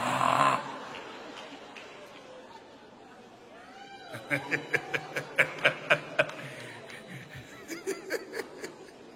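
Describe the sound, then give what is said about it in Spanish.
Someone imitates snoring with a rapid run of rhythmic, snorting bursts, fairly loud, followed after a short pause by a second, briefer series. “Mira las hermanas que roncan como se ponen.”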